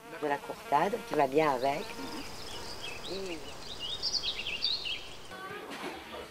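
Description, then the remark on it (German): A steady hum of buzzing honeybees, kept for their honey, fills an outdoor garden on an island, with birds chirping high and faint in the background and a brief wavering voice-like sound near the start. “Der Fasan gehört quasi zum Haus, genauso wie die Bienen, die ihr den leckeren Honig liefern.”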